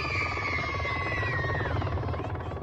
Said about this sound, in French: Au loin, un bruit se fait entendre depuis les airs. Un hélicoptère atterrit spécialement pour les enfants.